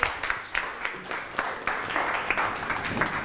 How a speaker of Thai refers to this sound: โอเคครับปรบมือให้เพื่อนหน่อยครับ